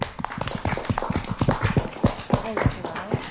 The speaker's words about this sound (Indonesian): Oke, kita kasih tepuk tangan.